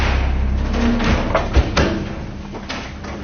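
A massive armored metal blast door weighing several tonnes, with hinges 20 cm by 10 cm, swings shut, its low rumble building into two heavy, booming thuds in quick succession, followed by a few fainter knocks as it settles.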